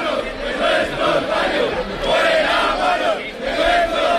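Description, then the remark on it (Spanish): A large protest crowd shouts and chants in rising waves, many voices blending into a loud, rhythmic roar that swells and dips over a few seconds, with shouts of insults and of "fuera guarros de nuestros barrios". “Mucho grito también ha habido en favor de la higiene, fuera guarros de nuestros barrios.”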